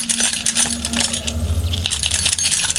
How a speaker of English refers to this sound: I sampled them and incorporated them in some of the rhythmical aspects of the track. For example, The jingling keys can be heard playing the role of an offbeat hi-hat within a sort of techno track.